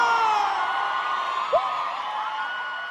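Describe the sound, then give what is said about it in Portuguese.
A crowd cheers loudly and steadily, with overlapping whoops and shouts that blend into a continuous roar, and a single higher yell rises briefly partway through. “Palmas, barulho”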